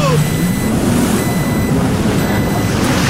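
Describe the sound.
High, thin electronic warning beeps from a low-fuel alarm sound in intermittent stretches, fairly faint beneath a loud, constant rumble of engine and water noise on a lake, with muffled voice-like sounds in the background.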